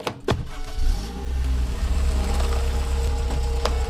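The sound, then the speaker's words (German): A car is fetched and pulls up, its engine giving a steady, loud low rumble, with a sharp knock near the start and another click near the end. No one speaks. “dann musst du wohl dein Auto holen.”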